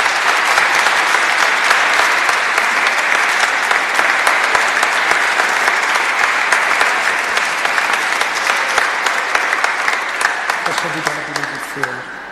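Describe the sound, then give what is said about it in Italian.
Loud, sustained applause from a sizable crowd at a wedding ceremony after the couple's vows, dense clapping filling the whole stretch before tapering slightly toward the end as a voice begins to emerge. “Beh, un applauso ci sta.”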